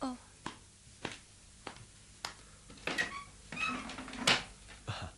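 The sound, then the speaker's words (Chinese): Evenly spaced footsteps approach, followed by a rattling clatter and creak as a door is opened to answer a knock, with brief faint voice-like sounds in the background. “等我开门睇下。”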